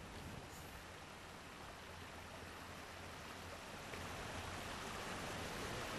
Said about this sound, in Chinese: 好，你也听迄个水的声音吼，看嘛收会到的未？